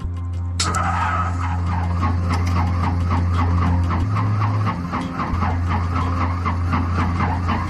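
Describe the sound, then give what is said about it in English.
A piston aero engine on a new airplane, primed with hot oil, turns over repeatedly with a rhythmic, chugging cranking sound, loud, sputtering without catching; a steady low hum runs underneath throughout. “There's not enough fuel in the engine yet, I don't think.”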